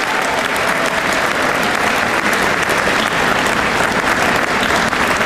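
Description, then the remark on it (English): An audience at an Honor Flight event applauds steadily, a dense, continuous wash of clapping that holds at a strong, even level for several seconds with no voices rising above it. “I also think, go ahead, clap for that too.”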